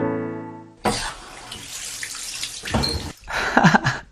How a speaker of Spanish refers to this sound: ¡Agua corriente, caliente y fría